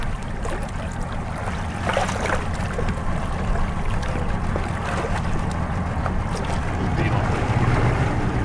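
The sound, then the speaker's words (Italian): The rescue operators' inflatable boat approaches a person in the water, its motor rumbling low over steady wind and water noise, growing slightly louder toward the end as the craft draws closer; faint voices may be mixed in. “Ok, a questo punto l'imbarcazione degli operatori si avvicinerà.”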